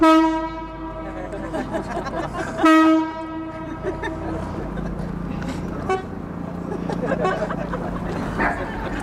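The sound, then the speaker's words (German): A Chinese bamboo mouth organ (sheng), played on a wooden canopied boat on the Spree, carries over the water to an audience on the quay wall: sustained, reedy chords, briefly breaking off and swelling back in, then thinning into softer, hazier tones over a low outdoor background hum. “Der Klang ihrer chinesischen Bambusorgel Shen wird übers Wasser getragen zum Publikum an der Kaimauer, während das Boot sich langsam nähert.”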